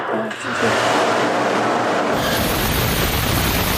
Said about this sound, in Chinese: 十几秒的发动机点火测试，直观展现了航天动力的真实力量。熊熊烈焰、强劲推力的背后，是每一次精准调试、反复试验的积累，也是中国航天可靠稳健的底气。